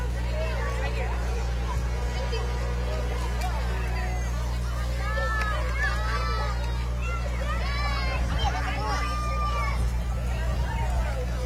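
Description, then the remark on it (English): Crowd bustle at a Norfolk Buddy Baseball event as candy bags fill up: a continuous wash of overlapping chatter and excited calls, with a steady low rumble underneath and scattered higher voices rising and falling throughout. “See the crowds, those candy bags filling up.”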